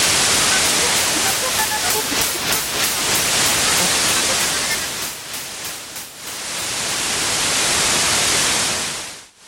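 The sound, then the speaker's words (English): Loud, steady radio static and white noise hiss fills the whole clip, with flickering crackles early on and a brief dip in intensity before it surges back and cuts off. “Cutting through the static with Radio Premier on 87.9 FM.”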